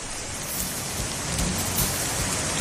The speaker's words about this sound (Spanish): Ahí ustedes pueden escuchar el ruido, como viene bajando el río, ¿no es cierto?, en el sector de Freirina.